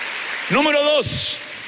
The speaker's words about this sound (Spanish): Dele palmas al Señor.